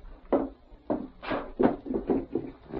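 A drawer is yanked open and shut, a run of six or seven scraping, knocking wooden bumps in quick uneven succession, moderately loud, with no talking.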